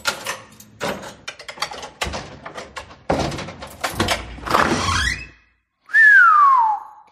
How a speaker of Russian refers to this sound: Ванзаров присел перед дверью квартиры, поколдовал с замком и распахнул створку.